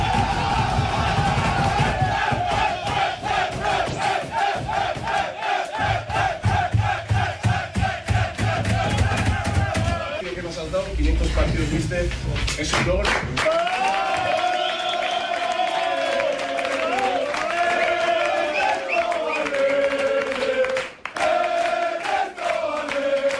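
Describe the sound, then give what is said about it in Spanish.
Athletic Club players in the locker room chant loudly in unison for coach Ernesto Valverde's 500th match, their rhythmic singing broken by shouts, whoops and bursts of clapping, with the boisterous chorus carrying on throughout. “y también en el vestuario, con camiseta especial para el cuerpo técnico encabezado por Ernesto Valverde y por Jon Azpiazu, por esos 500 partidos y los jugadores, ese grito, ¿no?, de Ernesto Valverde y cantándole al técnico del conjunto rojiblanco.”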